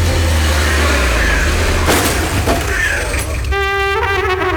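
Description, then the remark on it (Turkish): A car engine rumbles and revs as the car is being parked, a steady loud low drone with a couple of sharp knocks midway, ending in a bright, sustained horn-like tone. “Cam cam bir dakika arabayı park edeceğim ya.”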